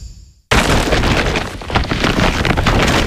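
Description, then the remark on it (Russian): After a brief quiet moment, a bag full of IKEA goods bought at a sale starts rustling loudly, a dense, crinkly crackle that continues for a few seconds with no voices. “Именно так шуршит мешок, полный товарами IKEA с раскупки.”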